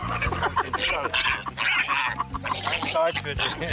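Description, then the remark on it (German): A wild boar named Fridolin grunts and snorts in rough, low bursts that run almost continuously for several seconds, loud and raspy, with voices murmuring faintly underneath. “Feierabend für das wilde Schwein.”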